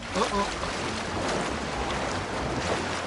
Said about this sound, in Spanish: ¡Elefantes! ¡Y aquí vienen! Cuando muchos elefantes entran al agua, provocan una gran salpicada.